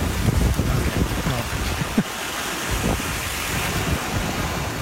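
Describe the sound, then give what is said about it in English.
Ocean waves in Victoria make a steady, loud rushing wash mixed with gusty wind noise, continuous for the whole stretch with no voices; a plane can also be heard. “I guess it's not the beach, technically. What was the beach? Well, it's the ocean.”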